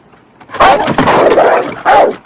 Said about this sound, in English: He squints, then peers over the top, only to be scared off by the agitated dog.